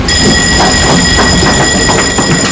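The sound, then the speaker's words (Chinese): A combat alarm sounds as a steady, shrill tone, held without a break over a loud, rough rumble of machinery and wind, with no voices, during a multi-subject combat training by a Southern Theater Command Navy base in a South China Sea area with high winds and rough waves. “战斗警报。”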